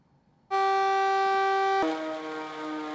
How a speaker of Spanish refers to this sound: Estas son las sirenas que alertan a la población de la localidad de Cuisac.